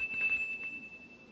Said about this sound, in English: It's used for testing the flavor of food. Now, I have a plain, ordinary cereal right here, so let's test it. The better it tastes, the louder it'll ring the bell. All I do is put the cereal in this slot and push the button.